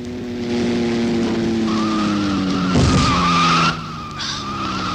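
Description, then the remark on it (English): A car skids hard, its tires squealing in a long, loud, wavering screech with a rough engine roar beneath, peaking sharply before fading off near the end. “Look out, Adam, that car!”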